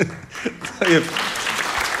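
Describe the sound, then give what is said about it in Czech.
A voice speaks briefly, then an audience breaks into steady applause, a dense, even patter of many hands clapping that carries on at moderate loudness to the end. “To není na potlesk.”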